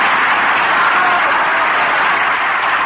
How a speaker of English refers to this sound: Yes, that Turpin's a fabulous ventriloquist. Oh, just listen to that applause.